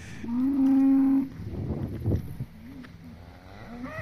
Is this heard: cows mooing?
yes